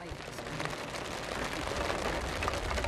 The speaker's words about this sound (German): Es besteht die Hoffnung, dass es bald aufhört zu regnen. Setzt eure Wetten, hört es auf oder nicht?